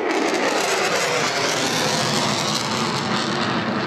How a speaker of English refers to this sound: Plane vertically soaring into the sky. How far, how high is it going at the moment? He's going up to around 12,000 feet, and he'll be there in about 5, 4, 3, 2, 1.